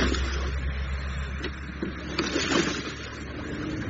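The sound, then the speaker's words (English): Lawn mowers running, a steady motor drone with a low rumbling hum and a broad mechanical buzz that holds at an even, moderate level throughout, with no talking. “I could hear lawn mowers.”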